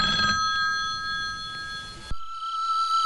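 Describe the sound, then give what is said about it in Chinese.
A telephone rings with a bright, steady electronic tone, loud, sustained for about two seconds before cutting off abruptly, leaving a faint lingering hum. No one speaks. It is an incoming call from the family's hometown. “老家来电话了，你来接一下。”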